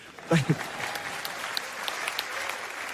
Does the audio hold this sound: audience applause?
yes